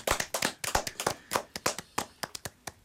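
A short burst of applause: a small group claps in quick, uneven bursts of sharp, crisp hand claps for about three seconds, with no voices over it.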